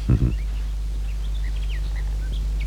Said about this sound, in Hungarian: A madarak csicseregnek.